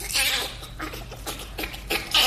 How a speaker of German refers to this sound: Und wir vergleichen das mit dem Lachen des Bonobos.